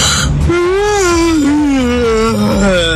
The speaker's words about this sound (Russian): Ну, спасибо, открыл сейчас хит-парад зевоты просто у всех.